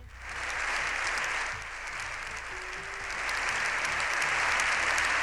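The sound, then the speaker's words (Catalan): Sustained applause from a large crowd in the Spanish Congress of Deputies, an ovation of more than seven minutes after the Pope's speech: a dense, steady roar of clapping that dips briefly and then swells again, continuing without a pause. “pendent de la visita del Papa després de la jornada d'ahir ben intensa, quan, recordem, va pronunciar el seu discurs al Congrés dels Diputats, una ovació que va resultar ser històrica de més de 7 minuts.”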